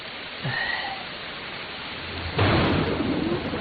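Steady rain pours down, then a loud rumble of thunder breaks in about two-thirds through and rolls on to the end, heavy, with no one speaking.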